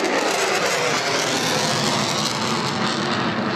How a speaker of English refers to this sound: Plane vertically soaring into the sky. How high is it going at the moment? He's going up to around 12,000 feet, and he'll be there in about 5, 4, 3, 2, 1.